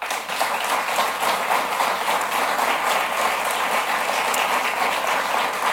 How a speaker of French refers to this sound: Et j'ai une pensée spéciale quand même pour Mme Fréchette. Et je la remercie d'avoir servi le Québec dans les derniers mois. Et je propose qu'on l'applaudisse.